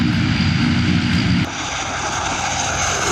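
A Chinese air force military transport aircraft's engine runs with a loud, steady roar and deep droning hum; partway through, the low rumble eases and the noise settles into a slightly softer, broad whoosh. The aircraft carries people and cargo in its belly; shown to children at a military base open day for Children's Day.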